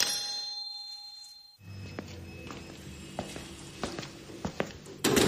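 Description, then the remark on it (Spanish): A doorbell rings with a single sustained ding that holds for about a second and a half and cuts off, followed by quiet room noise with scattered soft clicks and knocks. “Toca timbre y consulta por nuestros talleres.”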